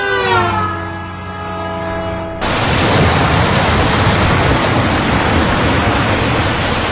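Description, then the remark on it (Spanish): Ocean waves wash onto the beach at Playa Bajo Alto, in Barbones parish near Guavo, in a loud, steady rush of surf, taking over abruptly after a brief sustained tone, with no voices present. “Sol y mar para todos en Playa Bajo Alto.”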